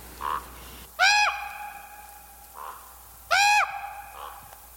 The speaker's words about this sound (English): That's right. Last week we had not one, but two mystery birds. Crows and ravens.